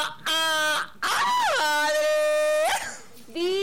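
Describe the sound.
A loud voice lets out long, high-pitched excited screams, three drawn-out cries separated by brief pauses, with the pitch swooping up at the start of each.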